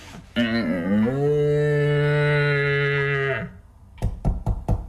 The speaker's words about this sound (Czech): A co je tohle? To je vábnička na jeleny. Poslouchej.